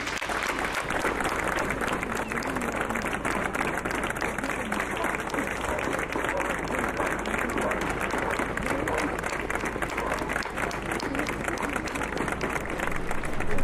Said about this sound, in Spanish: Propongo enviarle un aplauso a Jaume Espeix.